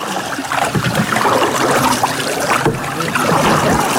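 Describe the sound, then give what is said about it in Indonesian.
Water laps and ripples steadily around a small boat at Kampung Laut, a continuous splashing and gurgling with no voices, the wash staying fairly even throughout. “Di tengah riak segar anakan, internet membawa Kampung Laut lebih dekat dengan dunia.”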